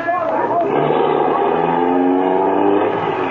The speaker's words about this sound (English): Can't you get no more speed out of this car, fella? She's doing all she can.